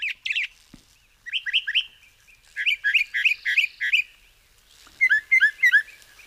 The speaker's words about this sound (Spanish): Es el sinsonte norteño, nombre científico, Mimus poliglotos, seguramente el mejor cantante de Cuba.